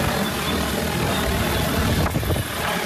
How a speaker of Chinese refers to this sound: 伴随着旋翼轰鸣，一架农用无人机很快抵达山顶茶园上空，精准悬停，稳稳吊起一袋刚采摘下来的茶青，仅用2分钟便将茶青运到了山脚的加工点。